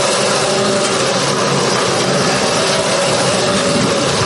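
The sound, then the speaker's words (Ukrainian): A steady, loud mechanical engine drone runs throughout without pause, a broad rumbling whir of new unmanned ground robot vehicles (NRK) being test-driven by their operators at a training ground, with no voices present. “Так оператори НРК обкатують своїх нових роботів на полігоні.”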